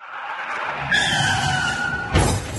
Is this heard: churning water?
no